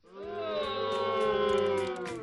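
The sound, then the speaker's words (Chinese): A human voice imitates a little goat's bleat with one long, wavering "meh" held for about two seconds. It is loud and nasal, with a quavering tremble throughout. “是咩，哎，大家知道哈，是什么样的小动物了是吧？哎，原来是小山羊。”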